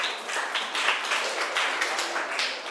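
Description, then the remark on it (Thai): A group of students applauding together for a classmate who answered a question, a steady dense patter of many hands clapping at once, sustained for a few seconds at an even level with no talking over it. “ค่ะขอบคุณมากค่ะปรบมือให้เพื่อนหน่อยค่ะ”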